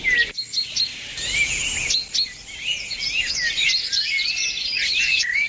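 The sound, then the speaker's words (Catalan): A bird sings continuously in a rich, varied stream of high whistles, trills and quick chirps, clear over a soft outdoor background, with no talking. “Pot ser un morgot de matinada o és un rossinyol?”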